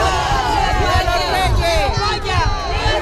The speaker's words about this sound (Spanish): Pero como decimos, don Felipe y doña Leticia se han dado un baño de masas estos días, vitoreados en la calle por miles de españoles, ceutíes y melillenses.